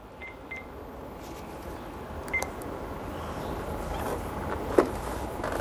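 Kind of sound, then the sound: signal or alarm, telephone number being dialed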